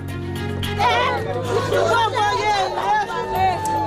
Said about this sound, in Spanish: Son los gritos de desesperación de los vecinos de Kenkov, al este de Puerto Príncipe, tras un nuevo ataque de bandas armadas que ha dejado al menos una veintena de víctimas esta madrugada